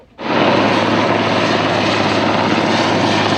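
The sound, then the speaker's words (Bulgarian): A Cougar military helicopter from Krumovo air base, called in to help fight a wildfire in dry grass and mixed forest near Gabar, roars loudly and steadily overhead, its engine and rotor noise starting abruptly and holding a constant, dense drone with a low hum throughout. “Военният хеликоптер «Кугър» долетя от авиобаза Крумово в ранния следобед.”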